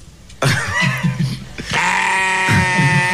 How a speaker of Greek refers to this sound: Πώς όμως είναι το βογγητό του λευκού προβάτου?